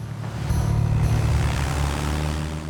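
A steady, loud propeller aircraft engine drones, its low harmonic hum holding constant with a faint high whine above, as the plane, call sign 66 Tango Sierra, is ready for takeoff.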